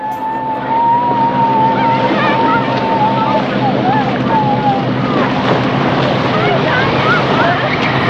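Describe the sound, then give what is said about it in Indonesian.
A fishing boat's engine drones steadily over a constant rush of wind and water as it sails far out into the middle of the sea, with voices calling faintly in the background throughout. “Kapal kemudian berlayar jauh di tengah laut.”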